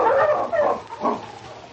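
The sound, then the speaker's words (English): Sled dogs, including King and Mother Husky, bark and yip in three quick, fairly loud bursts, with an excited, yelping quality and no voices over them. “On, King! On, Mother Husky!”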